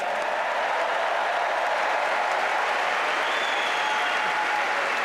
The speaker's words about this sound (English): Round of applause for Rory for Masters, please.